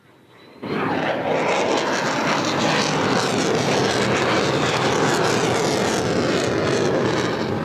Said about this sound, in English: And you see them coming in now. These are the F-35s, and just listening to the roar of these.